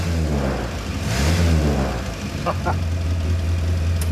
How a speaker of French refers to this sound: Mais son charme tenait surtout à son bruit rauque caractéristique, qui faisait la joie de tous les propriétaires de Traveler du pays. Ah ah! Écoutez cet échappement. Ce crépitement. C'est vraiment typique de la Morris Minor.